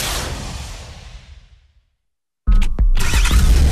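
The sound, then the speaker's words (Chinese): In a jingle for Yichang Traffic Radio FM 1059, a loud engine and motor roar with tyres against the ground fades away over about two seconds, then after a short silence a powerful engine bursts back in, revving hard with a deep rumble and no talking. “引擎与马达的轰鸣，轮胎与地面的摩擦，动力与能量的释放，速度与激情的升华，梦想与现实的博弈，坐标1059已经锁定。”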